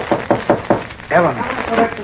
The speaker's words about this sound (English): Then he left his place in the wings and slipped swiftly backstage to knock on a door marked with a gold star.